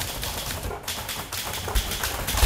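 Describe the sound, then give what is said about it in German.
Rapid, uneven clacking of typewriter keys with sharp strikes at an irregular typing rhythm, heard alone at a moderate level. “Richtig, der Klang der Schreibmaschinen in vielen Büros, in den Schulen.”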